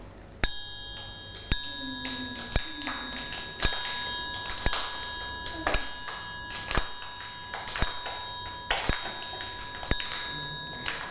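A metal triangle struck about ten times at a slow, steady pace, each bright ringing hit decaying before the next. It sounds close and clear, with no talking.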